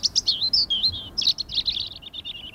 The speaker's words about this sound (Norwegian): Fuglekvitter, og jeg føler at man kan høre varmen også. Og det var sånn mild, deilig vind som bare stryker deg på hua.